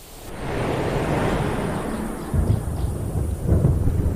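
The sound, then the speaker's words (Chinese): Deep thunder under dark clouds rolls on and on in a low, broad rumble, with two heavier cracks partway through as it echoes across the open plains as the rainy season arrives on the dry grassland. No voices are heard. “乌云密布，雷声在平原上回荡。”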